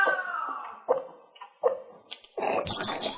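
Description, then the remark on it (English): A cat retches up a hairball: three rhythmic, throaty heaves building into a longer, wetter gagging spasm, loud and with no one talking. “This 3 seconds brought to you by a cat puking a hairball.”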